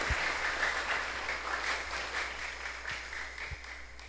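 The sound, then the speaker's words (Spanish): A crowd applauds steadily for about four seconds for the community of Mucu Charaní after a blessing, a dense wash of many hands clapping at once, fairly loud and sustained with a few low thumps underneath and no voices. “El aplauso para Mucu Charaní.”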